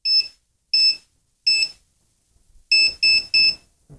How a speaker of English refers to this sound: Since it's wet, try just touching the two bigger, longer probes. Just touch them. Although that third one being wet might mess it up. But not only does it beep, the beeps that you guys are hearing, it vibrates.